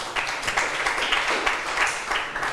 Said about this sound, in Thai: ถูกต้องค่ะนักเรียนค่ะปรบมือให้ตัวเองหน่อย